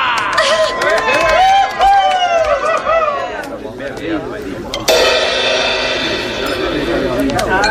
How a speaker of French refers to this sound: Un optigrave va faire ses débuts de professionnel devant vous ce soir. Alors, on l'encourage et on l'applaudit bien fort.